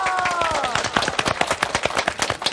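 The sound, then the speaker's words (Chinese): An audience breaks into applause, many hands clapping in a dense, steady patter that stays fairly loud throughout, with a short falling tonal sound at the very start. “我们掌声鼓励一下，好不好？”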